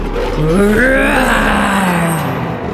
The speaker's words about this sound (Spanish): Cuando Daniel llegó al foso, escuchó a los leones rugir.